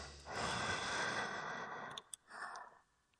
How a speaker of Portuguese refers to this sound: E a respiração que você ouve? Sim.